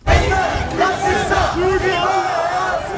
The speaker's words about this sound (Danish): Ja, her kan man høre, hvordan der bliver råbt af de demonstranter, der kalder sig det danske folk, og som i anledning af flagdagen i dag afholdt en march mod det, de kalder islamisering af Danmark.